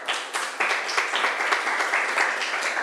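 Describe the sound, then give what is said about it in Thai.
Students in a classroom clap together for a classmate who answered a question: a steady, dense patter of many hands, a sustained burst of applause lasting a few seconds with no one talking over it. “ขอบคุณค่ะปรบมือให้เพื่อนหน่อย”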